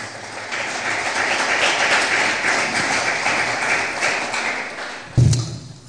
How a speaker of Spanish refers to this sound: Otro aplauso, por favor, para el Señor Jesús.